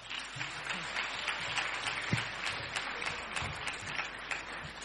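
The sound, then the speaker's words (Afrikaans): Steady applause from an audience at a community gathering in Oudtshoorn, welcoming a speaker from Standard Bank Oudtshoorn: a dense crackle of many hands clapping at an even level throughout, with a few sharper individual claps standing out. “Lekker aan die klap.”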